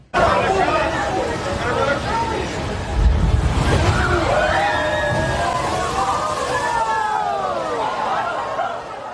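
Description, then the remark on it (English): A crowd of people shouts and screams as huge waves up to 6 feet high hit the western coast of the Big Island of Hawaii, over a steady, rushing roar, with a deep surging boom about three seconds in, followed by rising and falling cries that continue throughout. “Huge waves of people nearby screaming in Hawaii.”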